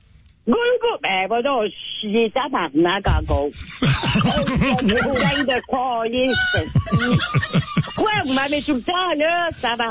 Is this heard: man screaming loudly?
no